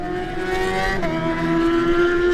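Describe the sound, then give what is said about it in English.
The number 64 Stanford Racing 750 Suzuki racing motorcycle engine drones loudly at high revs as it pulls away, a steady buzzing tone that holds nearly constant with a brief dip in pitch partway through, with no one talking. “64, George Halliday on the Stanford Racing 750 Suzuki.”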